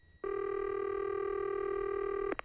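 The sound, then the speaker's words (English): A steady electronic telephone tone hums for about two seconds while a prank phone call is being placed, then cuts to a couple of quick keypad beeps right at the end. It is clear, with no talking. “Today's prank call of the day.”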